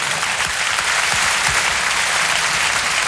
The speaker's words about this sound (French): Pour une première, c'est bien, Muriel Robin. On applaudit l'artiste.